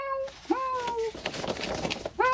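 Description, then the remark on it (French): Mishka the cat meows three times: two drawn-out, high-pitched mews in quick succession, a stretch of soft rustling noise, then another meow starting at the end. “Tiens, voilà Mishka le chat. Tu l'entends?”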